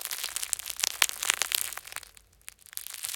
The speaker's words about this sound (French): Le pain est cuit. C'est donc ça, la délicieuse odeur de pain chaud. Tu entends? Le pain croustille.